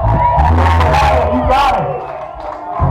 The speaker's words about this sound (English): Make a round of applause for yourself tonight.